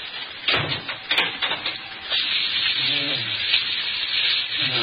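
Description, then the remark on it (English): Continuous dry rustling and shuffling, like an animal shifting about in straw, with a few sharper scrapes and knocks and a brief low grunt-like sound midway. “How can a bloke get any sleep with that there animal fidgeting about like that?”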